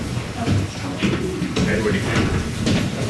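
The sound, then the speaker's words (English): A heavy door into the Confederation Chamber scrapes and rumbles as it is pushed open, a drawn-out grinding creak, with muffled voices and shuffling in the background. “I haven't been able to get past that door up until now.”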